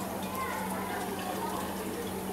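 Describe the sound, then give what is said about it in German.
A small amount of water is tipped out of a test vial to leave 5 millilitres for a tank water test, a brief, soft splashing trickle against a steady background hiss. “Das kannst du dann so ein bisschen auskippen.”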